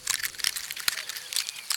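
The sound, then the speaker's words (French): A squirrel in a tree bites and crunches a pine cone to eat the seeds, in a rapid series of dry, crackly snaps and crinkles, fairly quiet, with a few sharper bites standing out. “L'écureuil mord dans une pomme de pin.”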